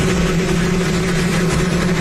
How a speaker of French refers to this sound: Donald Trump coupe le ruban. Il n'a pas de micro et son discours est couvert par le bruit d'un hélicoptère.